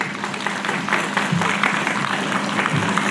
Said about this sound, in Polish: Wielkie brawa!